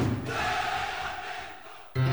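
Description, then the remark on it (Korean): A large crowd at a street cheering event in LA Koreatown roars in a loud, sustained cheer lasting about two seconds, shouting together with no clear words, before cutting off abruptly. “세대와 인종을 넘어 다시 하나 되어 외치는 그 뜨거운 함성의 순간에 LA 한인타운에서 함께하세요.”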